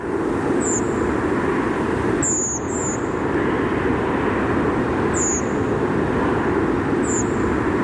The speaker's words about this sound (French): Et vous en avez enregistré une autre. Alors cette fois-ci, c'est une grive Movis, enregistrée à 21h24.